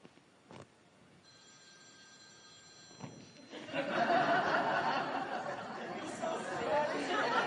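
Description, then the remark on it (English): A telephone rings with a steady electronic tone for a couple of seconds, then a room full of people breaks into loud chatter and laughter that drowns out the rest. “Hopefully, it's not the source calling.”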